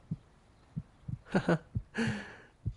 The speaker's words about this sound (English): picked up her heartbeat on his laptop. He knew exactly where she was now.